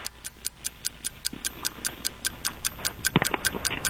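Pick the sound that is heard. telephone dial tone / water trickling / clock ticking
clock ticking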